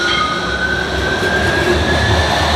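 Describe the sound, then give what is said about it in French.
Two trams pass each other on the tracks with a steady, loud roar and a high metallic whine from the wheels. No voices. “Le croisement de deux tramways.”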